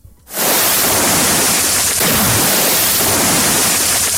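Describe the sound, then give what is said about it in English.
Water pours steadily in a loud, continuous rushing hiss that starts abruptly after a brief quiet moment and keeps an even flow to the end, with no talking over it. “Make we pour the water first.”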